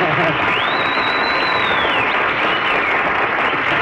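Steady, dense applause from an audience fills the whole stretch at an even loudness, with a long rising-and-falling whistle cutting through it early on.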